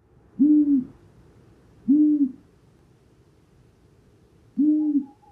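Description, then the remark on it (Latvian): A long-eared owl, a night bird nesting in Latvia, gives three soft, low hoots, each a short single note spaced a couple of seconds apart, heard alone against a quiet background. “Bet ausainās pūces ūjināšana ir ļoti klusa.”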